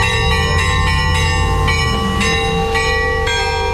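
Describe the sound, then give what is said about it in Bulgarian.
Festive bells of the newly built Saint Petka church in the village of Glavatsi, Krivodol area, peal loudly on the day of its first festive liturgy, in a rapid, festive rhythm, each clang overlapping the last so the bright metallic tones ring on continuously. “80 години по-късно празничен камбанен звън отново огласи Главаци.”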